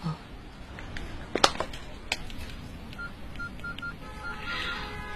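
A handful of short electronic keypad beeps as a phone number is dialed, irregularly spaced over a few seconds, soft, over a low steady background hum.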